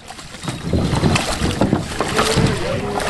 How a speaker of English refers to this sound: About 70 paddlers fumbled out of their kayaks and waded through the water and rocks at a boat ramp at Washington Crossing Historic Park as part of the week-long paddling event.